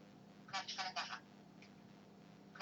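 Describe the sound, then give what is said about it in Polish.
A telephone tone muffled because the phone's speaker is covered with a right hand: a quick cluster of short, buzzy electronic beeps over a steady low hum, followed by a faint single blip and another brief beep at the end. “Słychać, że ten dźwięk jest pierwsze bardzo stłumiony, a poza tym nie wiem, czy to słychać, pojawia się takie dźwięczenie, prawda?”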